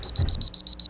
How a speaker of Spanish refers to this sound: Le estoy colocando de todas las alarmas posibles. El gallito, para que se levante. El despertador viejo. El despertador nuevo.